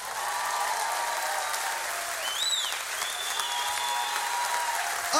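An audience claps steadily for several seconds, a dense, continuous patter of many hands, with a faint whistle cutting through the applause partway in.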